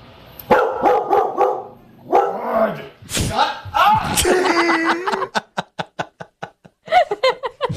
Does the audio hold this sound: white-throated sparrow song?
no